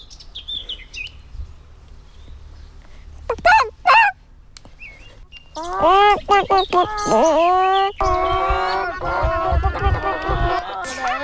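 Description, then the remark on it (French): A ten-year-old child's voice imitates a hen's cackle, the call a hen makes when it has laid its egg: a couple of short squawks, then a long, loud run of rapid clucking calls rising and falling in pitch. “j'ai 10 ans et je vais faire le cri de la poule.”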